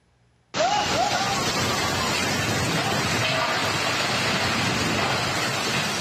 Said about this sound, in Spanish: También llegan impactantes imágenes desde China. Una casa de 3 pisos se desplomó en medio de una tormenta. Mire.